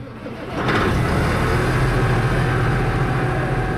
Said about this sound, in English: And yesterday, a group of his fellow farmers honored him with a procession of tractors through Mount Pearl and the Goulds.